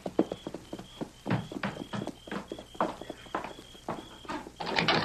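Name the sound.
horses' hooves clip-clopping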